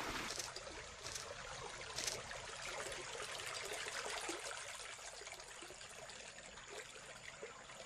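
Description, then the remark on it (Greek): Water is poured steadily into a glass, a continuous soft splashing trickle with a few brief bright splashes early on, fairly quiet, with no one speaking. “Άμε πουλόπον, φέρω με ένα ποτήρι νερό.”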